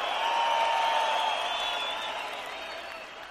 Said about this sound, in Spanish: ¡Que sigue ese aplauso chido para estas grandes cantantes rocarroleras!